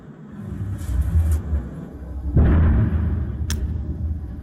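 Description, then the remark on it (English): A single deep explosive boom from a missile bursts out of a low background rumble and rolls on as a long, heavy rumbling tail. A brief sharp hiss cuts through near the end. No one speaks. “You'll hear a bang in a minute, I think.”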